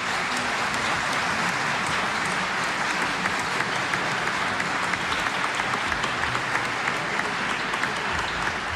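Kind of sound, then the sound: crowd, concert audience applause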